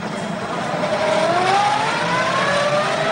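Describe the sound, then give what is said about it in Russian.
A car heading into a port, its engine rising steadily in pitch as it accelerates, with a constant rushing road noise underneath. It stays fairly loud throughout, and no one speaks. “Валерия Степановна цепляется за машину, проезжающую в порт.”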